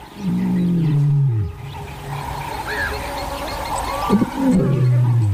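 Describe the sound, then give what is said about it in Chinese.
A big cat roars low and distant, a long groaning call that slides downward, followed by a quieter pause with faint sounds and then a second deep, drawn-out roar. “一阵低沉的咆哮从远处传来，佩服知道这是谁的叫声。”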